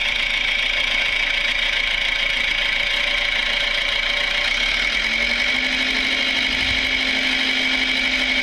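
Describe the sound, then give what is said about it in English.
A heavy tractor engine runs steadily and loudly as the tractor drives away, a continuous rumbling drone with a faint rising whine partway through; no one speaks. “Looks like he's been doing a bit of work on the tractor.”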